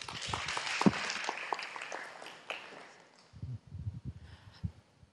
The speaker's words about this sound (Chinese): 好，大家掌声鼓励。